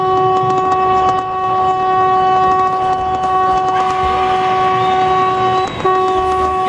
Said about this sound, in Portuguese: Que buzina feia essa, não? Que buzina feia, meu.